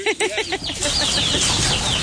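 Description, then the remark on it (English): Baby chickens cluck and peep in a backyard in Robeson County, a quick burst of several calls at the start followed by a steady stream of high, overlapping cheeps over a noisy background. “What did I see? Baby chickens.”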